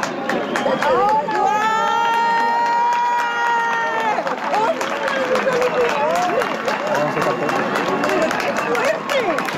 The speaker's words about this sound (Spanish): se vivió ayer cuando por fin la luna tapó por completo al sol, dejando entrever solo esa corona solar que arrancó gritos de emoción y aplauso. Lo volvemos a escuchar.